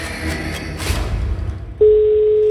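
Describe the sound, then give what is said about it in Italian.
After a stretch of low rumbling and muffled noise, a loud, steady electronic telephone ring tone, the first ring of a listener's call into an Italian radio phone-in contest, starts abruptly and holds unbroken to the end. “Ed è già il primo squillo, onde.”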